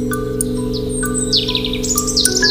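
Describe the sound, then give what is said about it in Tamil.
A koel (a kind of cuckoo) sings in quick bursts of bright, whistled chirps, some sliding downward, heard over a steady low humming drone with no one talking. “கழுதை புலி அங்கிருந்து புறப்பட்டு ஒரு குயிலிடம் சென்றது.”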